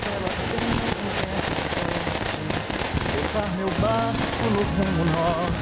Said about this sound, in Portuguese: Pessoal lá de fora, os fogos agora, os fogos agora! Fogo!